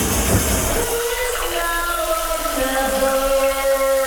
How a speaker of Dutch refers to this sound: Douche, die is weer aan.